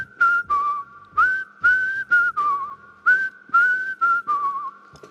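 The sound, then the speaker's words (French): A person whistles a short melody in quick separate phrases with a slight wavering tremble in the pitch, with no talking. “on va voir si tu sais siffler maintenant”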